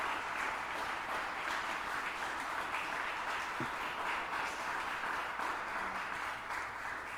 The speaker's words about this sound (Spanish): Démosle un aplauso al Señor en esta noche.